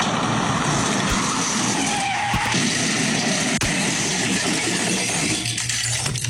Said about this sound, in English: Oh man, I can't believe I got into a car accident right before my promotion board.